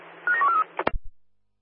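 A quick run of short electronic telephone dialing beeps over a hissy, narrow phone line, ending in a sharp click and a low clunk, then silence.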